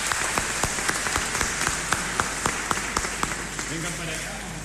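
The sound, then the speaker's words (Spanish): An audience at a Mass in San Antonio applauds in a steady, dense wash of clapping, with a few sharper individual claps popping out at a fairly regular pace throughout. “Le damos un aplauso y vamos a sacar una foto, ¿les parece o no?”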